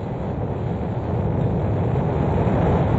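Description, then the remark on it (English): A continuous, powerful rocket engine roar at launch liftoff at 9:34 a.m. Eastern Daylight Time with all engines running, a dense low rumble with crackling texture that holds steady and loud throughout, with no voices present. “Ignition sequence start, engines on, 5, 4, 3, 2, 1. All engines running. Launch commit. Liftoff.”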